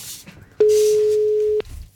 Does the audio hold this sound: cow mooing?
no